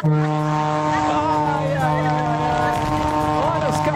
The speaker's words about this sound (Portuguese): Olha a buzinona do maluco, olha a buzinona do maluco.